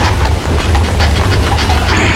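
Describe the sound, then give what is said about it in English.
Steady rumbling clatter of a horse-drawn carriage, with a quick, regular clacking rhythm over a low, continuous roar and hiss. No one speaks during it. “I think it's some horse.”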